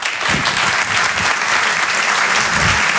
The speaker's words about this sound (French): Je vous demande de l'encourager et de l'applaudir très fort, s'il vous plaît.